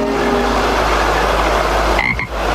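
A dense, continuous chorus of frogs croaking together in a pond, loud, with a short higher-pitched note breaking through near the end. No one speaks.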